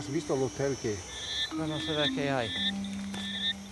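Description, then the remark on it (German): A night chorus of frogs in the Reserva Otonga rainforest reserve gives repeated, pulsing calls in quick bursts after dark, with steady high insect-like trills and chirps running behind them, fairly loud. “Mit der Dunkelheit werden die Frösche in der Reserva Otonga aktiv, wie Giovanni Onore das Gebiet inzwischen benannt hat.”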